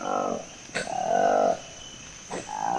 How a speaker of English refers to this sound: We call it the roar of the Colobus. It's a really distinct sound in the rainforest. And if you're there with Colobus, it depends on the morning at 5 a.m., and you can hear it loud above your tent.